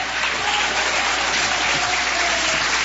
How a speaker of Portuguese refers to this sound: Quem pode dizer amém? Pode assentar, palmas que glorifica a Deus.